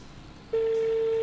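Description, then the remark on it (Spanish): A phone line's steady ringback tone, from a call to a registered phone number to announce a prize winner, waiting for someone to answer. It starts abruptly about halfway in, after a moment of faint background hiss, and holds loud and unbroken to the end, with no one speaking. “A ver si atiende el teléfono.”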